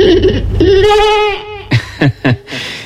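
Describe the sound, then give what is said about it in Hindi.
A sheep, brought in by Birbal at Akbar's court, bleats loudly: one long wavering baa, followed by three short, quick bleats in a row. “बीरबल ने एक भेड़ मंगवा कर कहा,”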